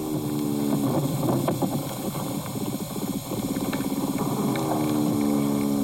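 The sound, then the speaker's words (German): A larger soil animal, not an earthworm, moving underground: a steady, loud low buzzing drone with rapid rasping pulses and scattered scratchy clicks, running continuously for about six seconds with no voices. “Das ist jetzt eher ein größeres Bodentier, würde ich sagen.”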